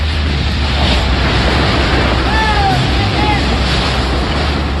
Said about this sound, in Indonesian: Pusaran angin yang berputar-putar di sekitar lokasi kejadian menyebabkan sejumlah bangunan dan fasilitas perusahaan mengalami kerusakan.